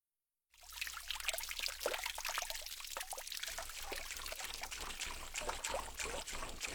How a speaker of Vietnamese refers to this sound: Ở đây thì chúng ta có từ ちょろちょろ là âm thanh của chất lỏng, chẳng hạn như là nước chảy nhỏ giọt, nghe tí tách từng giọt như vậy ạ.